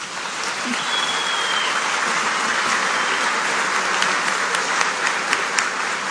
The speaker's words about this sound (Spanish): Merecido aplauso